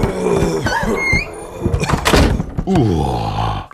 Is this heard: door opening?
yes